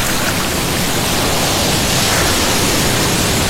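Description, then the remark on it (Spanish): A steady, loud roar of ocean surf at San Andrés Islas on a sunny morning, like waves washing continuously onto a beach, with a constant hiss and no distinct individual breakers. No one speaks. “Me imagina estar en una mañana de sábado, soleada en San Andrés Islas, y al lado de las olas.”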